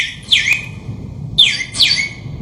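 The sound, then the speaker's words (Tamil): A sparrow chirps three times, short bright downward-sweeping calls with a pause after the first, over a low rumbling background hum. “ஏ குருவி குருவி குருவி, ஏ குருவி, சிட்டுக்குருவி.”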